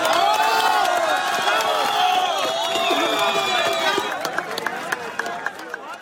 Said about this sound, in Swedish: Här ljud från staden Pereira i natt, då applåder bröt ut när en kvinna räddades efter 1,5 dygn under ett ihoprasat hus.